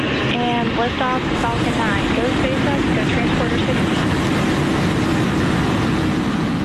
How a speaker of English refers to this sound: And it was launched into space quite recently. 4, 3, 2, 1, ignition.